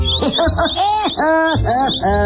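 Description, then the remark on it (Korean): Birds chirp and tweet as they pass by in a busy, continuous burst of rising and falling calls, loud, with no pauses and no other sounds around them. “이번엔 또 지나가는 새들의 말이 들리네.”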